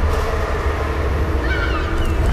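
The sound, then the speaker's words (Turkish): Deep, steady engine rumble of a ferry boat churning through the open water of the Bosphorus in Istanbul, loud and continuous, with wind and faint high cries of seagulls drifting in briefly near the end. “Vapurlar, martılar, yollar.”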